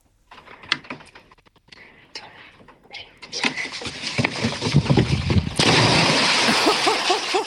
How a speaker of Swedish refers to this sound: Oj, oj, oj, vilket plums! Det lät nästan som det var mer än två små barn som sprang på den där bryggan. Dunk, dunk, dunk.